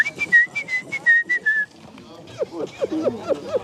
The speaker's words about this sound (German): Als die Konzentration nachlässt, kommen die Ticks zurück. Pfeifen und Geräusche, die mich an ein Meerschweinchen erinnern.